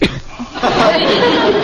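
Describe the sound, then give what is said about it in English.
A single loud sneeze: a brief breathy intake followed by a forceful, noisy burst that trails off, with no one speaking. “Bless you.”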